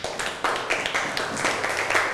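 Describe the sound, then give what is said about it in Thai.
A group of people clapping for a classmate, many overlapping claps forming a steady, moderately loud patter of applause with no voices. “ปรบมือให้กับเพื่อนครับ”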